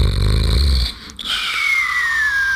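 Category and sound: sound effect, snoring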